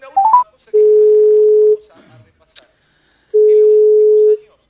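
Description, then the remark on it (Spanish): A quick rising three-note phone chime as a phone call is placed, then two long, steady ringback tones separated by a pause, clear, with no one speaking. “Ok, déjame dudar, le voy a pedir un llamadito igual, ¿eh?”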